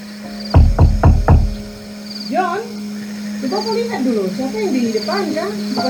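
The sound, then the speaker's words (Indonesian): Four firm, evenly spaced, loud knocks on a wooden door, followed by a person beginning to speak. “Siapa yang di depan kah? Buka pintu dulu kah?”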